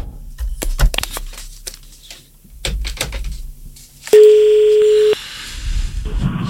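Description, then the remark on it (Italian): A phone line connecting: scattered clicks and handling noises, then one loud, steady electronic tone held for about a second before it cuts off, followed by faint line noise. “attendendo che si colleghi il telefono.”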